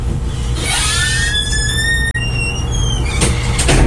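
A door is pushed shut, its hinges letting out a long, rising squeal before it closes with a couple of quick knocks. A steady low rumble sits underneath, and no one speaks.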